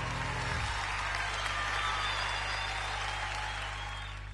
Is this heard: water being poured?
no